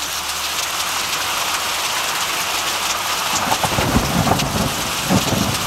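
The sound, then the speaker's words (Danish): Steady, heavy rain of Danish weather hisses throughout, and partway through a deep, rumbling roll of thunder swells up beneath it and lingers with low crackling bursts. No one speaks. “Super, klokken er 4:08 på en dag, hvor man måske godt kunne drømme sig lidt mod sydligere himmelstrøg, fordi det danske vejr, det lyder sådan lidt mere sådan her.”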